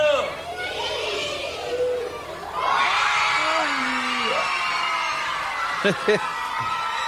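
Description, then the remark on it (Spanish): A crowd of children in Quilmes erupts in loud, sustained shouting and cheering as an athlete shows them his medal, with overlapping excited voices and a few high whoops rising above the noisy din. “El grito es, claro, para los que están escuchando y no están viendo, porque él muestra la medalla.”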